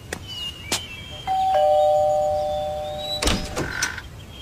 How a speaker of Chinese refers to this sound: 公园巷126号，就是这里。这扇门也没有什么特别的嘛，真不知道老师为啥要让我们来这儿。抵达后按响门铃，好吧，那就按呗。